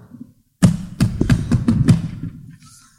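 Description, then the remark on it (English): Five or six firm, fairly loud knocks on the wooden door of a building in a rundown section of Irony Town, struck in a quick, slightly uneven rhythm before fading into quiet. “I knocked on the door.”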